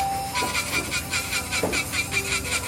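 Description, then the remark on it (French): A nail file rasping across fingernails in a nail salon in the 13th arrondissement of Paris, in quick, even back-and-forth strokes, about a dozen in a steady rhythm, moderately loud, with no one talking. “22 ans de ponceuse, de capsule, de vernis, de cavalcade à travers Paris et sa banlieue à chaque ongle cassé.”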